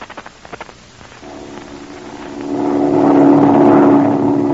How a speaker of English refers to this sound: Hey, listen. There's another plane. That isn't the same one. You can tell by the engine. Listen.